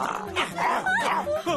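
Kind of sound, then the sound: animal, dog barking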